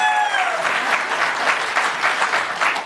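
An audience claps steadily for a few seconds, a dense, fairly loud patter of many hands with a brief bright tone fading at the start and no voices.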